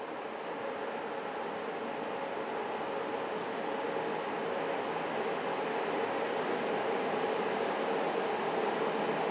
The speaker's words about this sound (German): Der Express erreicht seinen letzten Bahnhof in Montenegro.